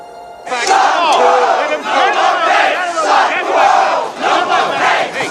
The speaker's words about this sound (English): A crowd of newsies protests in front of the newspaper building, which is guarded by police.